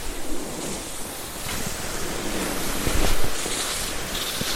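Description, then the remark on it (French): Steady wind roars across an open, snowy Arctic landscape north of the Arctic Circle, on a ski trip from Kvikkjokk, a continuous breathy rush with one stronger gust swelling near the end, and no voices. “Le vent.”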